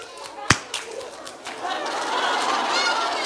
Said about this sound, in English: Wow! I'm going to give you a clap. You are so good. Wait. Ready for a clap?